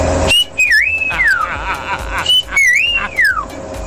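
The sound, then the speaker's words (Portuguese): A person whistles a sliding, swooping tune twice, each phrase rising and falling in pitch, loud over a steady background hum, with no talking. “Cara, eu perdi meia hora ouvindo só assobio.”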